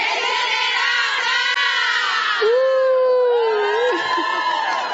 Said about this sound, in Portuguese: e vocês vão gritar regeneradas. Tá bom? Bem alto. Então tá, vamos lá. 1, 2, 3.